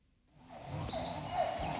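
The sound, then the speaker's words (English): A dense dawn chorus of birds and monkeys in the Amazon rainforest of eastern Colombia, near Venezuela, at barely sunup, rises from silence, with sustained high whistling tones layered over lower hooting calls and a busy wash of chirps, continuous. “It's barely sunup in the Amazon rainforest, but the birds and monkeys are wide awake.”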